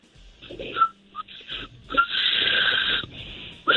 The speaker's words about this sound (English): All right, well, I can whistle backwards. So like, instead of blowing out, I can suck in to make the noise, the whistling sound.